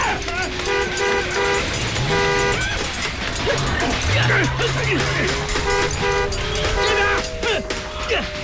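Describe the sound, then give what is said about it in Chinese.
A car is started and its horn honks in repeated short bursts, pausing between sets, over a busy, noisy background with a low engine-like hum and indistinct voices. “甩鞭子，发动汽车”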